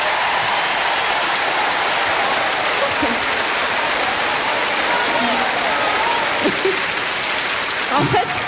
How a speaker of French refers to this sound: Mais je peux vous dire que ce soir, dans la salle, il y a beaucoup d'hommes et je voudrais que toutes les femmes les applaudissent.